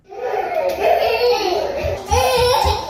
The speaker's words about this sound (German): Zwei Kleinkinder laufen durch den klimatisierten Raum im Keller des Rathauses im 18. Arrondissement von Paris. Draußen sind es über 35 Grad, drinnen mindestens 10 Grad weniger.